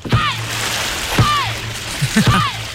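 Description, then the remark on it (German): Dragon boat paddles strike and splash water in a steady rhythm, roughly every second, with sharp whooshing splashes; a low hum runs underneath and a voice-like call sounds between strokes. “So klingt's auf dem Drachenboot.”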